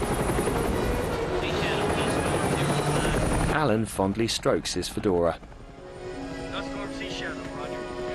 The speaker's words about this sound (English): The Marines are ready to embark as the choppers fly away from the island.